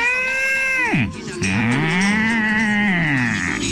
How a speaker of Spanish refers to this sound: La vaca.